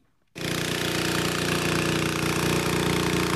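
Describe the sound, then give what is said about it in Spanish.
Pumps transferring water from tanker trucks into reservoirs in Carranza kick in abruptly, then hold a loud, steady mechanical roar with a deep motor hum and a constant rattling texture, no voices. “Desde esta mañana las bombas están moviendo el agua de los camiones cisterna a los embalses.”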